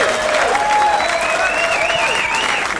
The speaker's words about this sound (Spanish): Hoy, 9:18, Día Mundial de los Docentes. ¡Un aplauso para ellos!